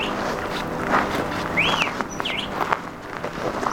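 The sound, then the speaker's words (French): A few clear bird chirps ring out over a steady outdoor background hiss in a mountain valley in Chile, with some faint rustling or footstep-like sounds. The calls are brief and scattered. “Il y a des fleurs, des fruits, des jardins, des arbres, des oiseaux, des maisons.”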